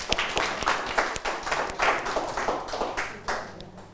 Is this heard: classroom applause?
yes